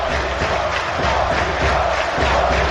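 A large stadium crowd chants Colídio's name in unison as he leaves the field in a substitution, a dense wall of voices rising and falling in a steady rhythmic pulse.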